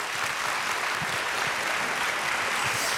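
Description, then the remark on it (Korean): Steady, dense applause from an audience after a stage performance by a four-member group playing music rooted in Korean traditional music, a continuous wash of clapping that holds at an even, fairly loud level for the whole few seconds with no voices standing out. “네, 여러분 다시 한번 박수 부탁드리겠습니다.”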